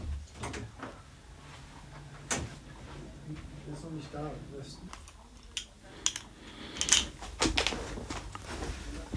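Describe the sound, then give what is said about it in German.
A door is opened as a woman walks out of a recording studio, with a few sharp clicks and knocks of the handle and latch, over a low, muffled room hum and faint voices. “Sie geht zur Tür.”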